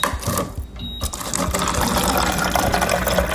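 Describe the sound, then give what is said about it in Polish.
Water streams steadily from a free public drinking water dispenser for residents, operated by pressing, on a hot day, fairly loud, with a brief dip near the start before the continuous splashing flow resumes. No one speaks. “czy gdzieś tutaj jest taka darmowa woda dla mieszkańców? Mogę gdzieś skorzystać?”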